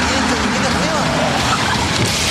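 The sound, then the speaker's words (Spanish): A loud, steady roar of a new Maxus T70 pickup truck with a 2.5-litre turbodiesel engine driving past, its engine and tire noise filling the whole moment without a break. “Ya llegó la nueva Maxus T70 con motor 2.5 litros turbodiesel, 221 caballos de fuerza, hasta 1130 kilos de capacidad de carga”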